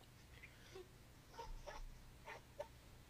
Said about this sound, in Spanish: No sé si son los perros de Ignacio los que están ladrando o los suyos. No, los suyos. Ah, los suyos.